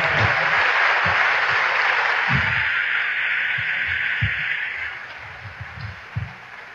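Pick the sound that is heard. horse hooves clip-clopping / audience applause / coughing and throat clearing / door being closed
audience applause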